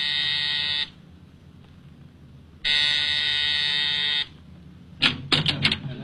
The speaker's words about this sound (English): At exactly 7, I rang Mrs. Collins' doorbell.